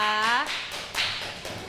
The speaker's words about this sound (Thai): ได้ค่ะปรบมือให้กับเพื่อนด้วยนะคะ